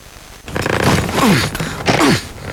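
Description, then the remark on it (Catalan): A suitcase zipper is dragged along in two strained, scratchy pulls with creaking pitch sweeps as someone tries to close the suitcase, loud, separated by a brief pause, with no talking. “Que no em tanca la maleta.”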